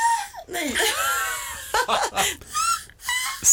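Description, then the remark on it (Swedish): A human voice imitates a black-headed gull, letting out a run of harsh, high, laughing squawks that swoop up and down in pitch, loud and uneven with brief gaps between cries. “Skrattmås.”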